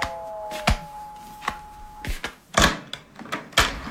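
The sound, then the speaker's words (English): A door being opened: a few sharp latch and handle clicks, a thin creak running underneath, then several more knocks and thumps as it swings. No one speaks. “see who sits at the door.”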